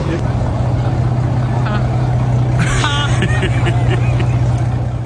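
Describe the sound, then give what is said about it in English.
A $23 million sports car engine runs loudly in Monte Carlo, a steady low rumbling drone throughout, with some brief voices and higher tones rising over it partway through. “Did y'all hear it? That car sounded like the hood up.”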